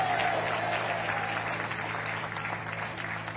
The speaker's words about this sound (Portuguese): Quantos podem bater palmas e dar glória a Deus? Podem dar glória a Deus.